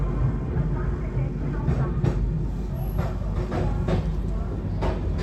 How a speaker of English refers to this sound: just to get an idea of how it goes by as the journey of life goes by in a train, and the announcements continue and the updates continue,